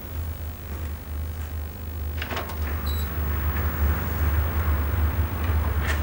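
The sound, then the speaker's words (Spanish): A motel room door is opened with a couple of sharp latch clicks and a brief faint squeak, set against a steady low rumbling hum that continues throughout. “Se levanta, apaga el cigarrillo en un cenicero y abre la puerta de la habitación.”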